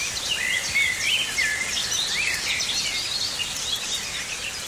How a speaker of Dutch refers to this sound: uit Wichmond hoort vanuit het slaapkamerraam gestaag de regen vallen. Maar ook de zwartkop, de merel en de tuinfluiter zingen.